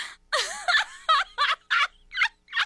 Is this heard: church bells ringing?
no